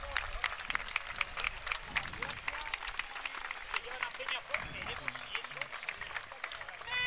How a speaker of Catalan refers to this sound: Sí, no, ara se'n va, ara ja. Ara parteix amb els aplaudiments.